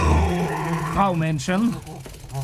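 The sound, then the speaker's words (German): The dog Norbert growls and whines in short, rising and falling bursts, with a low rumble underneath for a couple of seconds. “Norbert ist ein böser Hund.”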